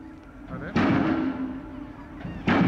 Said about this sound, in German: Dafür müssen sie in den Boden gerammt werden, 26 Meter tief. Das braucht Kraft, die per Öldruck aufgebaut wird. Dieser Hydraulikhammer gibt einen Schlagimpuls von sage und schreibe 10 Tonnen ab.